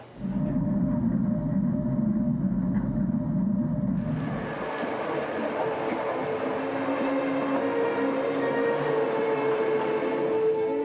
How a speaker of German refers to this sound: An insgesamt 54.000 Zahnpaaren klettert der Zug hinauf. Hier durch die fast senkrecht abfallende Eselwand.